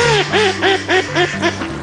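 A duck quacks loudly, letting out a quick run of about six or seven nasal calls in steady rhythm over a faint low hum.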